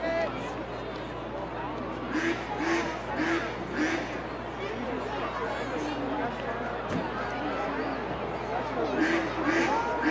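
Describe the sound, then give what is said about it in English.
A loud duck quack sound repeats in quick, rhythmic bursts over a steady murmur of crowd noise at a Double-A baseball game in Portland. “That's a loud quacking sound.”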